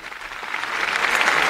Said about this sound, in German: Diese Einladung des Papstes stimmt das versammelte Volk Gottes mit Applaus zu. Applaus, Klatschen.